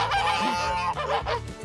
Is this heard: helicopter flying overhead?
no